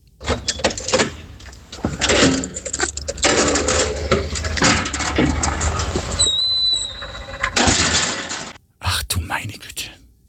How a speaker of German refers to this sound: das war das Geräusch der Tiefgaragentüre beim Aufsperren und wie sie wieder zufällt